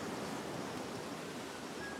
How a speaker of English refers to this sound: That waterfall.